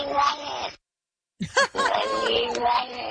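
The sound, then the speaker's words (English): A cat's meowing played backwards: a short strained burst, a brief silence, then a longer warbling, groan-like run of reversed meows, fairly loud with no one talking. “This one on the cat says backwards, I need water.”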